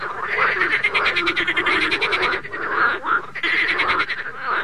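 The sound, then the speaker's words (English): A dense, loud chorus of about 175 million frogs croaking at once during a frog invasion in Oconto, a continuous wall of overlapping rhythmic pulses and sharp pops likened to rifle fire, with no voices, filling the whole recording. “Only it isn't distant rifles making these sounds. It's 175 million frogs.”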